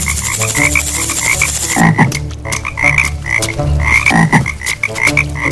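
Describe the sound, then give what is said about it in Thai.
Many frogs, bred in a corn field, croak in a dense, overlapping chorus, steady and loud throughout, with repeated rhythmic calls layered over a constant buzzing background and no voices. “ด้วยเหตุนี้ชายผู้นี้จึงต้องเพาะกบเอาไว้ในไร่ข้าวโพดเพื่อให้กบที่เพาะเอาไว้กินแมลงพวกนั้นเสีย”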